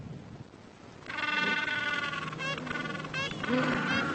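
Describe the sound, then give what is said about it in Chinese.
Gentoo penguins that have come back onto the beach from feeding at sea calling: after a second of low rumbling background, loud, harsh honking brays begin, rising into rapid pulsed bursts that repeat several times, with no voices. “冲上海滩的企鹅已经从海里觅食回来了。”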